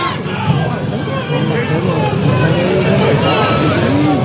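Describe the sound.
A large crowd of Cerro Porteño fans shouting and clamoring together at the locker-room area, a dense, steady roar of many raised voices with individual yells rising out of the mass, loud throughout.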